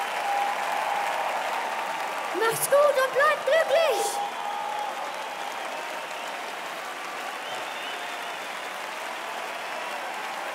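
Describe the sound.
An audience applauds in a steady, dense wash of clapping that lasts throughout, with a man's voice briefly speaking over it early on.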